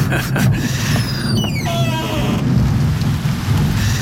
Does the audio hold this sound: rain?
yes